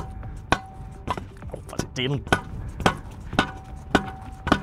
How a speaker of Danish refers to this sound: Det er jo her, mine damer og herrer, man kan høre, det er live. Det her er det, live radio handler om. Det handler om, vi er der i øjeblikket, mens det sker. Det er selvfølgelig lidt sjældent, at det er reporteren, der står og banker skidtjorden